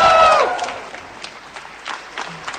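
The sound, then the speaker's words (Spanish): A brief high cheer rings out, then people clap in scattered, steady bursts, applauding a Nobel Peace Prize winner as she leaves her office; the clapping carries on at a moderate level without fading out. “Sale de su oficina y la gente, la verdad, que la aplaude de una manera pero muy fuerte.”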